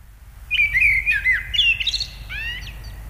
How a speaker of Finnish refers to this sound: Ja sitten jonkin ajan päästä ensimmäinen rohkea lintu uskaltaa aloittaa laulunsa.